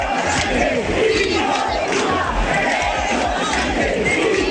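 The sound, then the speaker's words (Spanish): A large crowd of about 6,000 protesters packs the town hall square in Oviedo, Spain, at 8 in the evening, shouting and chanting "gobierno dimisión" in a steady, loud roar, voices blending into a dense wall of sound with rhythmic surges of collective yelling throughout. “6.000 personas abarrotaron a las 8 de la tarde la plaza consistorial y sus aledaños a grito de gobierno dimisión o de Pedro Sánchez, hijo de puta.”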